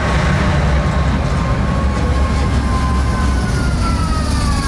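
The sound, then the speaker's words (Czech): A special all-blue tram in Prague, commemorating Václav Havel and running on line 22, rumbles steadily along the tracks, loud, with a faint metallic squeal of wheels drifting through the constant low roar. No one speaks. “Prahou totiž nově jezdí speciální tramvaj připomínající Václava Havla.”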